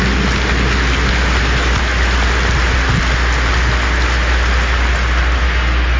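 A large church audience gives a great round of applause of welcome in a dense, steady roar of clapping that holds evenly for about six seconds, loud throughout, with no voices over it.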